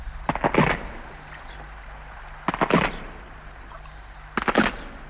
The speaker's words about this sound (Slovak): Ale aby si vedel, my vieme využiť aj iné zvuky. Aj to praskanie lávky, čo sa po tebou zlomila, sa nám zdá zíde.